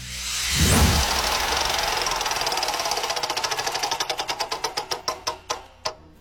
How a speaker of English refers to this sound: All right, so let's spin the wheel and check out which question we'll be landing on next.